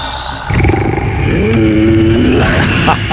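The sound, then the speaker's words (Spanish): A loud, rough roar of a big cat kicks in after a brief quieter start and rumbles on for nearly three seconds, with a rising growling tone in the middle. “El rugido.”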